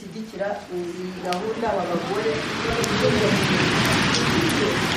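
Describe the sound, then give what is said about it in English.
Steady, dense rain drums on a hall roof, heard from a retreat room, a hissing wash that swells and grows louder after the first couple of seconds, with faint indistinct voices underneath at the start. “For most of the week, it's been bright and sunny, but on the final day, the rain is drumming on the hall roof as I sit in the retreat room”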